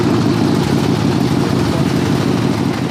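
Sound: motorcycle engine idling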